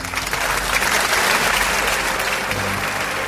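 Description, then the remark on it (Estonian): A large concert audience applauds steadily in an Eesti Kontsert broadcast, a dense wash of clapping at a constant loud level throughout, with no pauses or voices breaking through. “Aplaus.”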